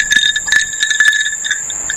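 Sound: ice clinking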